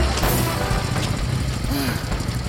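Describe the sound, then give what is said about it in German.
A car's engine rumbles steadily as the vehicle slows, with a brief brake squeal before it comes to a stop, heavy low-end road noise throughout. “Endlich bremste der Fremde.”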